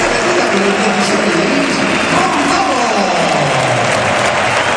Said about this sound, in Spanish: Es la salida de Gonzalo con estos aplausos. Ovacionado.